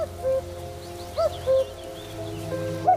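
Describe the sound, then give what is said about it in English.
A cuckoo's soft two-note calls sound a few times in reed beds shared with reed warblers, against a steady low hum, mixed with faint high chirps from other small birds. “They share the reed beds with a bird we know well, thanks to its familiar call.”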